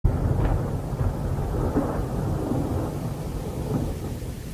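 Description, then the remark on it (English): A deep, continuous thunder rumble rolls on steadily for several seconds, heavy low-end energy with a faint wash of rain noise above it and no voices. “Thunder growls. Through glistening teeth.”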